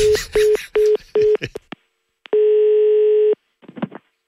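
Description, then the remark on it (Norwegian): A telephone line during a call from someone at the firm Skanska: four quick, evenly spaced beeps, then after a short pause one long, steady ringing tone, and a brief scratchy rustle at the end. “Det er Pedro fra Skanska som ringer.”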